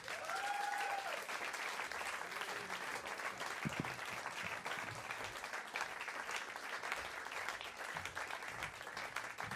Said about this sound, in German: Bitte gebt einen riesigen Applaus für Walid Asak!